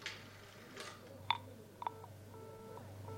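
A telephone number being dialed again: a few short, clear electronic beeps at uneven intervals, mixed with soft clicks and followed by fainter tones over a low hum.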